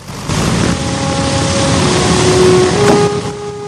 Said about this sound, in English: He closes the window, and the plane is waved off the hard standing. The wheels slowly turn, and the aircraft's nose seems to lollop as the B-17 pulls away.